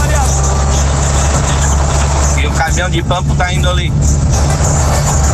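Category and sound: vehicle, truck driving past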